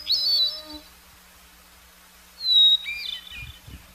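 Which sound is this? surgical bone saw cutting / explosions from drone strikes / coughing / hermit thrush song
hermit thrush song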